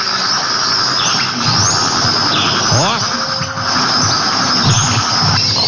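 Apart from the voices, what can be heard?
songbird singing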